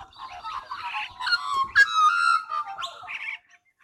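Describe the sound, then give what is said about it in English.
A chorus of Australian magpies carols together, overlapping warbling, fluting notes and bright whistles rising and falling in pitch, fairly loud and continuous for about three seconds before fading out. “We're really starting to get a chorus now of the Australian magpies.”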